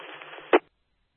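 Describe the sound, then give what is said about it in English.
A short burst of three garbled, overlapping radio transmissions on a repeater, a harsh tinny smear of static and muddled voices ending in a louder squawk before cutting off to silence. “I think that was a triple.”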